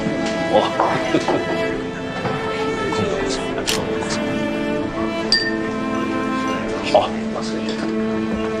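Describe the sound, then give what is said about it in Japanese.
A few bright glass clinks ring out at scattered moments, glasses touched together in a toast in China, over a steady background of voices and murmuring chatter. “さあ乾杯。”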